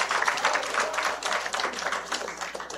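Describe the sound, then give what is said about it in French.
A crowd applauds a radio host who presents from 4 to 6 pm, many hands clapping in a dense, crackling wash that holds an even loudness for a few seconds without any talking over it. “Oui, je vous demande d'applaudir entre 16 et 18 heures.”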